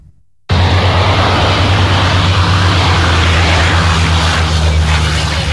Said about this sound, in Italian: Paura a Olbia per un incendio che ha minacciato alcune abitazioni. Sono intervenuti 3 mezzi aerei.